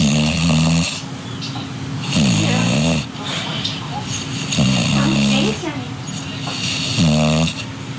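animal, english bulldog snoring

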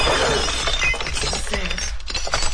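household object, drinking glasses shattering

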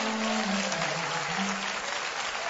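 crowd, audience applauding

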